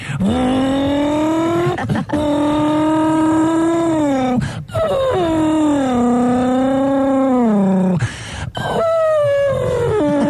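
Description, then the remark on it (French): A person imitates a race car with their voice, producing long, droning engine-like hums that rise and fall in pitch, broken by brief breaths across several sustained bursts, loud. “Et puis travailler aussi, comme j'aimais bien faire le bruit de la voiture de course aussi.”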